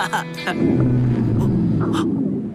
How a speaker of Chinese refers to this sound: 那不是熊，是我的肚子在叫。我一饿，肚子就会咕噜噜的叫。